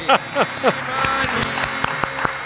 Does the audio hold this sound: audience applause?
yes